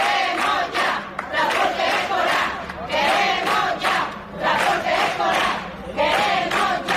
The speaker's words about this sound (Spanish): Protesta hoy de FAMPA Los Olivos a las puertas de educación para reivindicar que haya transporte escolar para todos los niños y niñas. Una concentración que comenzaba a las 10 de la mañana y que tenía un grito unánime.